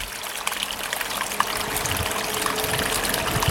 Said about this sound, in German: der geheimste Wasserfall von Winterthur.